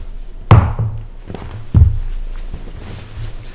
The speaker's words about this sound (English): I'm going to sit on Father Rutledge's chair. I just got to move it back.